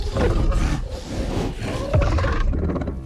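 A deep, guttural roar from a Yautja alien hunter creature rumbles loudly for about three seconds, rough and growling with a swell near the end, no voices present.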